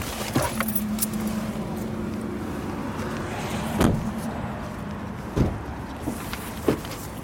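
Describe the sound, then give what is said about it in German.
Someone getting out of a parked car: a few sharp clunks and clicks, like a door handle and door, spaced over a steady low hum, with faint rattling in between and no talking. “Ja, wir können aussteigen. Ja, können wir aussteigen. Aber weißt du, es ist auch, warte, wir können, okay, steigen wir aus.”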